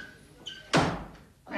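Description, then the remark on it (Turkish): A door is opened: a sharp latch clunk followed by a brief rushing swing and a second thud as it moves, with no one speaking. “Geliyorum, geliyorum. Açsın Allah'ın kapıyı.”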